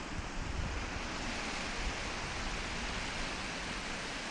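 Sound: river water flowing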